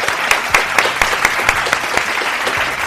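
A steady burst of applause from a small crowd, dense overlapping claps with a few sharper hand claps standing out, fairly loud and close, lasting the whole few seconds with no talking.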